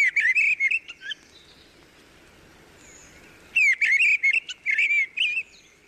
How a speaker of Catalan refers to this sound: En aquest capítol heu escoltat el cant d'aquests ocells. Griva, Turdus piscivorus. Ocell de zones boscoses i camp obert que resideix tot l'any als trams alt, mig i baix.